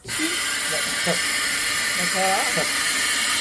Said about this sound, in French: c'est le gros robinet que vous voyez là-bas qu'on entend siffler. C'est ça qui fait le bruit. C'est le gros, c'est normal en fait. Il y a une fuite d'air calibrée dedans pour renouveler l'air en permanence sur ce robinet.